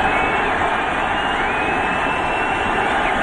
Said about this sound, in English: And there's the pitch. Listen to that crowd. And then you hear Bob Shepard at the end. Thank you, Mr. President.